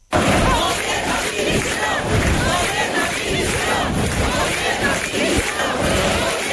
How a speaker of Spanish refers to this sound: Aunque se trató de desvincular las concentraciones de cuestiones partidistas o ataques al gobierno de España, sí pudieron escucharse gritos en contra de Pedro Sánchez.